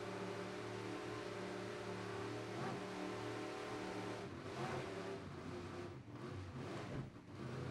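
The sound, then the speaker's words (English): An offshore racing powerboat engine roars loudly and steadily at high revs during a race on rough water off Miami, with a few brief surges and dips in the drone toward the end as the boat pounds along. “Rough water beats up boats, but these guys are out here to race. It's offshore racing, and sometimes it's what we like to see.”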